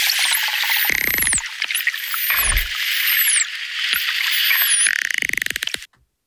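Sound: dolphin whistles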